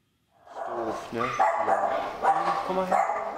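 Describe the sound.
Drop, an old, sick, abandoned mixed-breed dog, barks and yips several times in close succession, fairly loud, with voices talking underneath.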